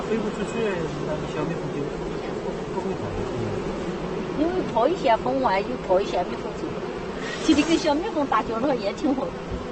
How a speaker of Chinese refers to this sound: 蜂 农放养了100多个蜂箱，整个蜂场差不多有500多万只蜜蜂。